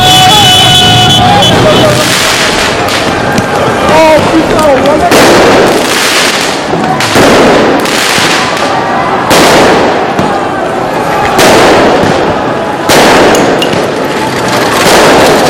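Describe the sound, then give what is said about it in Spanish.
Loud fireworks bang again and again in a street riot in Paris after the local team won for a second year running, a burst every second or two, with crackling debris between blasts and a constant roar of crowd noise and shouting underneath. “Esos son lanzamiento de fuegos artificiales, me imagino que también alguna pelota de goma de los antidisturbios.”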